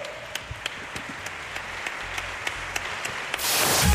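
An audience applauds with a dense wash of clapping, punctuated by evenly spaced sharp claps, then the applause swells noticeably louder in the final moments.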